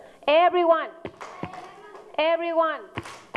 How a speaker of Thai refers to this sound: โอเคทีนี้ประเดี๋ยว everyoneตบมือค่ะ